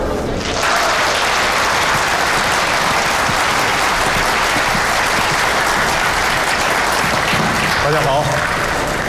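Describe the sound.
A large audience at a school lecture on China's photovoltaic industry breaks into loud, sustained applause welcoming the professor, starting abruptly and continuing steadily for several seconds, a dense wash of clapping hands, with a faint voice briefly audible near the end.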